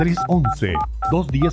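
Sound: telephone keypad dialing tones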